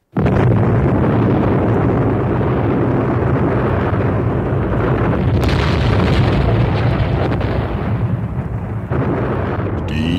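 A huge bomb explosion, with the force of trillions of megatons, erupts abruptly and loud, then rolls on as a sustained, deep roaring rumble for several seconds with no one speaking.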